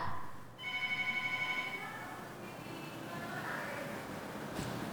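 A telephone rings with a rapid trilling bell, strong for about a second and a half, then trails off into a busy wash of background noise, as a listener calls in.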